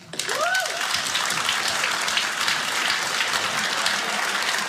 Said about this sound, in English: Tonight, clap if you're in a happy relationship.